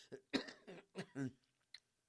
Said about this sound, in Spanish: Ahora sí, es que de repente se viene la tos y no puedo.